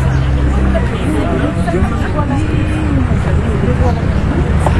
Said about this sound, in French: La foule qui attendait depuis les aurores peinait désormais à contenir ses trépignements. Elle s'impatientait, soufflait, sifflait.